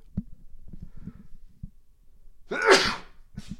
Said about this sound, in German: jetzt muss ich mal eben niesen.